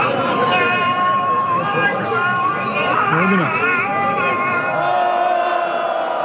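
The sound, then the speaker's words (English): A large crowd of protesters in a main square in Isfahan, central Iran, roars and boos the call to prayer minutes before a public hanging, a dense wall of many overlapping voices with rising jeers and shouts of shame, loud and sustained throughout. “Those are protesters booing the call to prayer minutes before two people accused of treason are hanged on July 28th in a main square in Isfahan in central Iran.”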